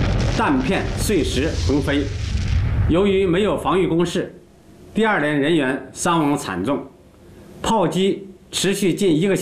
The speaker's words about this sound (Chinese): 日军的报复性炮击开始了，3炮、迫击炮、掷弹筒，一起向第二连的阵地轰击。一时间，山上硝烟弥漫，弹片碎石横飞。